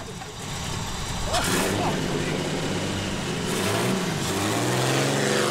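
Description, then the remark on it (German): A car engine revs and pulls away, a steady mechanical drone with rising harmonic sweeps, while voices talk over it, as the car drives off behind a Beetle on a sunny day. “Okay, pass auf, einfach hinter dem Käfer her, die nehmen euch in Empfang.”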